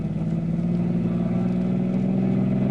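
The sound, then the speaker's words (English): A car engine drones loudly and steadily, its low rumbling tone holding firm and building slightly as the vehicle accelerates, with no voices over it, as the driver speeds up to stay ahead of a sedan following them. “Give them more, Red.”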